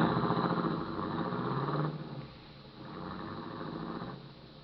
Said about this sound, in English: I watched his car turn off onto a side road and fade into the night.